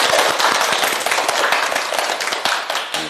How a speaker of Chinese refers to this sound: 哎，不错啊，大家给他鼓掌。